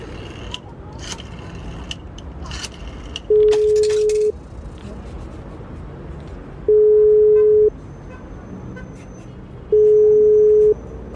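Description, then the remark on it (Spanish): A public telephone's line tone sounds in three steady one-second beeps, evenly spaced about three seconds apart, as a man places a call, over a murmur of outdoor street noise with brief scraping clicks early on. “mi papá, muy preocupado, me había pedido que lo esperara sentada en la banca frente a nuestro auto mientras él hacía una llamada por teléfono público.”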